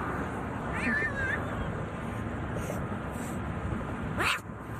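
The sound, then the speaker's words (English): A small black kitten lets out a couple of thin, distressed meows as it is picked up during a rescue from the median of a busy highway in New York City, over a steady roar of background noise, the second cry sharp and rising near the end. “Yeah, the animal not happy to get picked up, but thankfully it was led to safety.”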